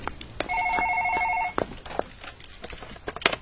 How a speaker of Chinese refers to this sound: 刑警803的办公室里，大家都各自忙着手头的工作。值班人员打来的一通电话，打破了办公室的宁静。